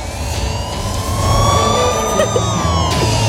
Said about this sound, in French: C'est à Manhattan, mais il y a un peu de trafic là actuellement sur la route.